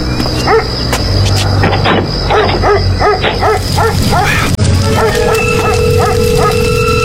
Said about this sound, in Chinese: 怎么回事啊？这狗叫什么呢？哟，糟了，该不会是出什么事了吧？